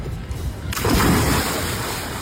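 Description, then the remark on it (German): Sea waves rush steadily out on open water, a loud wash of surf that swells in suddenly and keeps churning, with a hint of wind noise over the microphone. “Naja, angekommen auf dem Meer hatten sie dann beide aber doch ein bisschen Spaß.”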